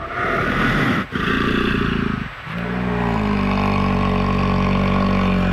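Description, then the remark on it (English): Loud roaring and guttural growling from bears jawing, interacting directly with one another, rough and continuous, with a brief break before a long, sustained, throaty bellow takes over. No talking. “You know, sometimes if you've seen videos of interactions between bears, they'll do this thing called jawing, where they're kind of interacting directly with one another and they'll kind of roar almost.”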